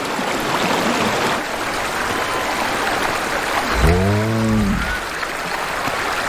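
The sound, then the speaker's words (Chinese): A meltwater river beneath an ice sheet, its water level rising, rushes steadily throughout with a dense, even roar of flowing water, broken briefly midway by a low, drawn-out animal groan rising over the current. “融水让冰盖下方的河流水位上涨。”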